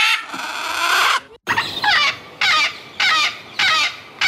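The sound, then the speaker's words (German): Several parrots sitting in trees along the Aga river near Schlatt in the Vöcklabruck district screech loudly, a long harsh squawk followed by a run of shorter shrill calls repeating at a steady, roughly half-second rhythm, with no talking. “Diese exotischen Geräusche hört eine Radfahrerin bei der Fahrt entlang der Aga. Sie vermutet Papageien und sie täuscht sich nicht.”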